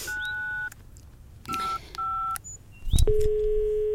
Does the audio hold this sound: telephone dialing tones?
yes